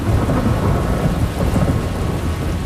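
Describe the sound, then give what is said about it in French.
A loud, steady thunderstorm: heavy rain hisses continuously while deep thunder rumbles low underneath, with no voices. “Là, je m'étais rangée, j'étais embarquée sur une île pour attendre la fin de la pluie, de l'orage.”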